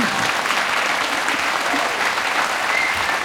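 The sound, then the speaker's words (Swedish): Steady applause from a large theatre audience in Stockholm at the start of a concert, a dense wash of many hands clapping at an even level throughout, with no voices standing out. “Kommande 2 timmar, en applåd.”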